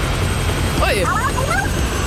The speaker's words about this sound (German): Dabei stürzt halt der Heli, den wir gerade gehört haben, ab.